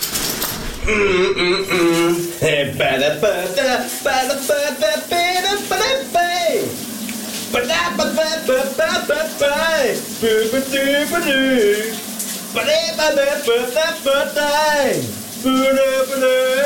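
A voice sings a wavering, drawn-out melody up close while a shower's running water hisses steadily underneath, continuous and fairly loud from start to finish.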